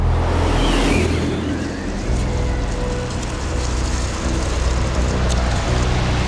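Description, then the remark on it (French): Rough, stormy seawater surges and crashes against the hull of the ship Bounty in the winter of 1787, as violent winds blow up from the Bay of Biscay. A loud, continuous roaring wash over a deep low rumble, with a stronger surge of spray early on. “En cet hiver 1787, des vents violents remontent du golfe de Gascogne et la mer se déchaîne sur la coque du navire.”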